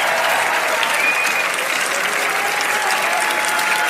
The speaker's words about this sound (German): Und das ist nochmal dein Applaus